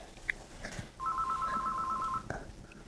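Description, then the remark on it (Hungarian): A telephone rings once with a rapid electronic trill lasting about a second, fairly clear against quiet, with a few faint clicks before and after. “És itt a telefon.”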